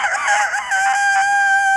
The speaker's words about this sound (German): Und einen Hahn. Solcher zum Beispiel so.